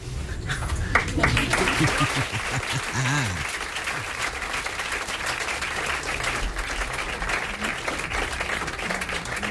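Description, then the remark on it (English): Steady, dense applause from a live jazz club audience at the Village Vanguard, many hands clapping at once in a continuous rush, with a few voices calling out early before the clapping carries on at an even level. “Had to hit you with the applause.”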